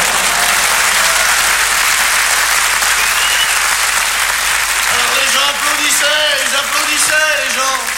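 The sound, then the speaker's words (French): Loud, sustained applause from an audience after a singer's show, a dense continuous clatter of clapping, with a man's voice beginning to speak over it partway through. “Et puis, quand ça a été fini, je suis revenu une dernière fois sous les applaudissements du public.”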